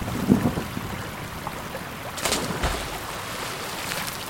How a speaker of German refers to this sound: Wir sind jetzt auf der Brücke. Die Schneeschmelze hat den Fluss ganz schön anschwellen lassen.